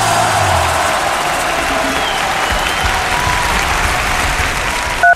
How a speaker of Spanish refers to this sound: Y los aplausos.